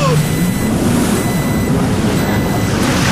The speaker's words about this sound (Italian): E cos'è stato? Cos'era quel beep? Che cazzo è sto rumore